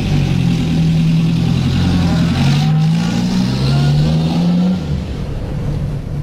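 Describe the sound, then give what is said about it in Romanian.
A car engine revs loudly, its pitch rising and falling in repeated surges as the car is pulled in for a mechanic to check, then easing down toward the end. “Aveți puțin timp și pentru mașina mea? Imediat, imediat. Trageți mașina aici.”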